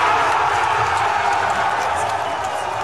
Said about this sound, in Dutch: Gejuich in het kamp van de Alternatieve für Deutschland, terwijl de tegenstanders de hele dag nog hoop hielden op een gunstiger uitslag.